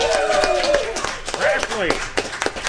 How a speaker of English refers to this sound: I think they deserve a nice round of applause for sponsoring this tonight's program.